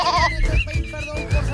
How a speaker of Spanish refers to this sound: Mira, que hay dos cabras por la estación, pero las cámaras de seguridad muestran a las dos cabras que se suben a un autobús.